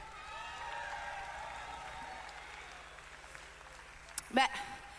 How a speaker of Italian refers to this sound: Ed è una figata, facciamo un applauso a questa comunità incredibile. Un applauso a Radio Onda d'Urto.